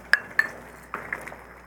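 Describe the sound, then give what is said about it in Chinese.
A spoon clinks twice against a soup bowl with a bright, brief ring, then several softer, quicker taps follow as it stirs and scoops. No one speaks. “还要啉一下汤。”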